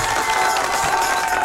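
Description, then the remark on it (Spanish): A crowd applauds a listener's AI-generated drawing of a Lego bus with an ice cream on top: a steady, dense, even wash of clapping at moderate loudness with a few cheers mixed in, sustained throughout with no talking. “Aplauso para Joseph.”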